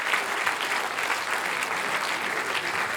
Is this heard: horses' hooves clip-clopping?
no